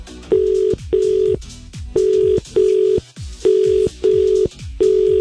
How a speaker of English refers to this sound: You have got the most frantic ringing in your phone I've ever experienced. I'm actually stressed out. I feel anxious.